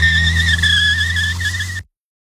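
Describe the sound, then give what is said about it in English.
Car tires squeal loudly in a sustained, slightly wavering screech over a low engine rumble as the car pulls away hard, lasting under two seconds before cutting off abruptly. “And remember, if you pull out too fast, you might leave rubber behind.”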